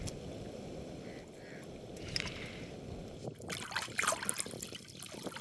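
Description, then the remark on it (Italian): Rinsing and wringing of coconut husk fibres soaked for a month in the sea: steady sloshing water with trickles, then a louder burst of splashing and dripping as the fibres are squeezed out. “Si strappa via qualcosa. Si sciacqua, si strizza e finalmente ci sembra di capire.”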